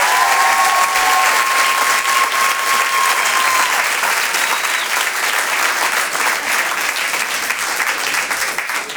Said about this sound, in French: Je vous demande maintenant de faire un tonnerre d'applaudissements à Amel Chabi.